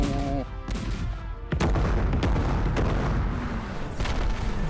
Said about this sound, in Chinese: 只听到万炮齐隆。